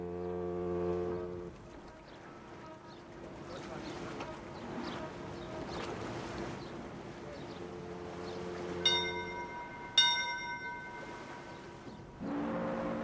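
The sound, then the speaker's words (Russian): A steamship's second departure signal as it leaves America: a deep, loud horn blast, then two sharp ringing bell strikes in the middle, and the horn sounding again at the end, over a steady murmur of dockside voices. “Второй колокол.”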